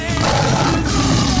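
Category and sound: animal, lion roaring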